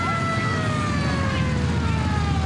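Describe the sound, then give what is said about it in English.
A loud ambulance siren wails steadily, its tones gliding slowly over a dense rumble of traffic and engine noise, with no voices. “All right, get her into the ambulance.”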